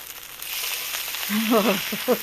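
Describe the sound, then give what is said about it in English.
Food sizzles and crackles steadily in a hot frying pan, a continuous hiss; partway through a person starts talking over the sizzle. “Sizzling away.”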